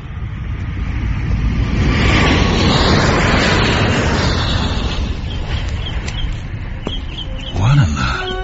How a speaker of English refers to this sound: Just that plane. What about it? Does it always fly directly over the grounds? Every day, on its way to the airport.